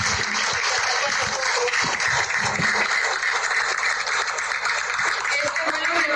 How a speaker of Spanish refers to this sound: Y yo quisiera aquí pedirle un aplauso a Viva, por favor, por la confianza.